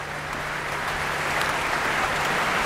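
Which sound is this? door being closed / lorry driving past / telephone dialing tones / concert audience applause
concert audience applause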